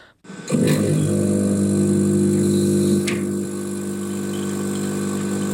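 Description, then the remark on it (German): A coffee machine in a lab of the Klinikum of the Technical University of Munich starts up and runs with a steady, loud pump drone and mechanical hum, holding constant for several seconds with a brief click partway through. No one speaks. “Das ist einfach eine Kaffeemaschine, die da läuft, oder?”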